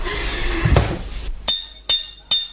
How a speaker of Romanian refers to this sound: bate gongul. De trei ori, auzi? De trei ori. Unu, doi. Unu, doi, trei.